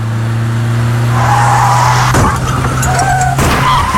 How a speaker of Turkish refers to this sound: Az önce biri telefonla konuştuğu için kaza yapan birine takip mesafesini korumadığı için çarptı.